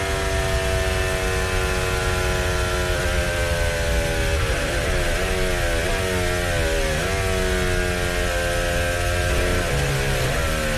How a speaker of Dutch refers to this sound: Dat daar ook het lijkt alsof die motor door blijft jassen. Ja. Blijft dat aantal rare toeren, die duwt hem ook gewoon weer door.